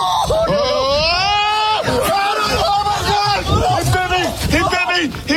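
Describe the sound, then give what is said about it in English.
A man in short pants, just bitten on the leg by a mother raccoon, screams loudly in a series of strained, pitch-sliding cries, with other excited voices shouting over and around him the whole time. “Now, the guy you hear screaming like a little girl was bitten on the leg.”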